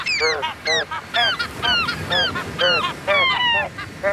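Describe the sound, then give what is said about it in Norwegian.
A choir imitates seagull calls to mimic a well-known song, squawking out a rapid run of loud, overlapping cries in a rhythmic, melody-like pattern, continuous with no talking. “måkekor rett og slett har etterlignet en kjent låt som vi snart spiller.”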